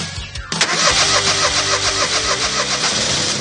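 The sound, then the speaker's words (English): A car engine cranks over and over in a steady, labored rhythm, struggling to catch. It kicks in abruptly after a brief quiet moment and stays loud throughout, with no voices. “If your car is struggling to start, it's only going to get worse as temperatures drop.”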